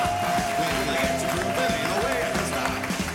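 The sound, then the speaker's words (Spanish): Steady audience applause for a stage performer as he is introduced, a dense wash of clapping that fills the whole stretch, mixed with loud music with a sustained melodic tone and a rhythmic bass line underneath. “¡Arriba la música! ¡Un aplauso!”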